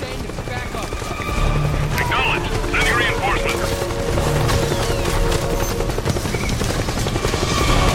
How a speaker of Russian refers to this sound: Чел! Да сколько у вас вертолетов-то